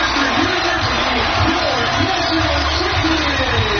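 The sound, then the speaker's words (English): A stadium crowd of more than 8,000 fans at a women's lacrosse Final Four game on the lakefront in Evanston roars and cheers wildly as Northwestern wins the national championship, in a dense, continuous wall of noise that stays loud and steady throughout, with blended voices and no single speaker standing out. “And the crowd goes wild, as you can hear there.”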